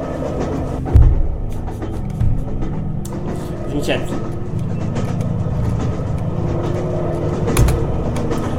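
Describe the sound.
Steady low rumble of a departing train rolling along the tracks, with a few heavy clunks from the wheels and faint murmuring voices in the background.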